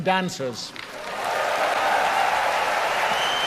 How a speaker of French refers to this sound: Là, il est en ce moment en train de demander au public d'applaudir les chanteurs, les musiciens et les danseurs qui ont participé à la soirée.